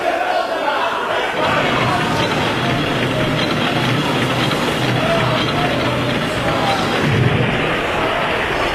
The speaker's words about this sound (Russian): Это ракеты!